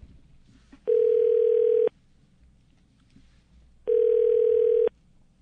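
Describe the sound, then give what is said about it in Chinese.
A telephone ringback tone from a radio station program calling an interview guest sounds twice, each steady one-second burst separated by a few seconds of quiet line hiss, heard alone with no talking. “是的，好，电话通了啊。”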